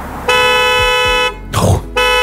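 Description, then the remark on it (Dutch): A car horn blares in two long, loud blasts, broken by a short burst of rustling noise, then sounds again at the end: a Chinese car's warning signal as the car is locked with a person still on the back seat. “En dan gaat hem normaal gezien een signaal moeten geven omdat er beweging en mensen op de achterbank zitten.”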